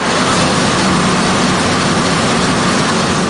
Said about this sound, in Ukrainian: У процедурному кабінеті тиша. Гуде тільки обладнання, що качає кров.